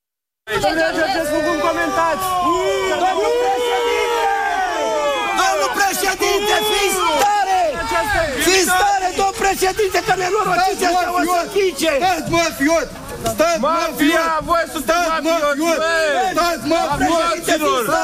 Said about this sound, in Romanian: Este evenimentul zilei și probabil unii dintre dumneavoastră sunteți încurcați de huiduierile pe care le-ați auzit. Cum adică polițiștii scot din casă cu cătușe pe Călin Georgescu și oamenii huiduie?